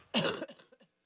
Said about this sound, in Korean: 아, 죄송합니다. 기침 좀 할게요. 제가 시원하게 한번 하고 올게요.